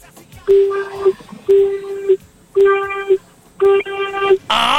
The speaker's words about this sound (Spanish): Si estás, por favor, regálame 4 bocinazos medianitos. 4. Ahora.